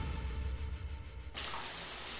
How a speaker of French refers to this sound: Examinons ce que l'on peut entendre sous la douche.